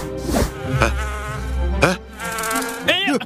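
A bee buzzes loudly, its drone rising and falling in pitch as it swoops back and forth, with several sharp whining passes. No one speaks.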